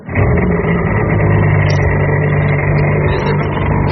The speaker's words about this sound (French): Allez dans le Calvados à Cabourg. Qu'est-ce que c'est que ça, vous montez pour la première fois sur un jet ski?